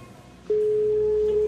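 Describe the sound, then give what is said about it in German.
A phone line tone begins suddenly after a brief quiet moment and holds steady and fairly loud as a single continuous electronic pitch, as a mobile phone's redial places a call that rings through. “Fang dies und drück Wahlwiederholung!”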